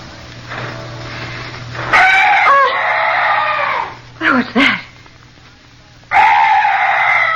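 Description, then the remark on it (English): Loud, strange night bird calls ring out in the dark in three bursts, long wavering cries broken by a short sharp double squawk, prominent, with a voice briefly speaking beneath them. “Oh, some night birds. Yes, that's all. Such a weird sound.”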